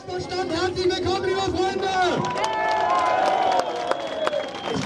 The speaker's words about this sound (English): Crowd cheers at an Alternative für Deutschland rally in the town of Querfurt. It's here in the region of Saxony-Anhalt that the far-right party is aiming to take power at a state level for the very first time.